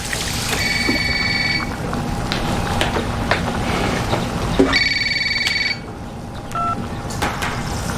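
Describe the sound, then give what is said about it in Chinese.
A telephone rings in a home at Chinese New Year, in two short electronic bursts a few seconds apart, bright and warbling, heard over a steady rumbling background noise with no talking. “去接电话啊！”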